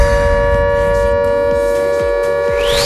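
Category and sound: signal or alarm, air raid siren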